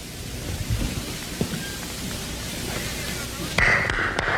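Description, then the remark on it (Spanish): A fierce snowstorm in the mountains of the Alps roars steadily, a dense wash of wind noise with low, heavy rumbles, then a sharper, louder gust near the end. No voices are heard. “Esa tarde estaba yo en plena montaña cuando me sorprendió una tremenda tormenta de nieve.”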